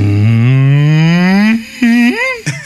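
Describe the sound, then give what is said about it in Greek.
A person imitates a depressed cow, letting out a long, loud, drawn-out moo that slowly rises in pitch, followed by two shorter, mournful moaning sounds, with no talking. “Αγελάδα σε κατάθλιψη.”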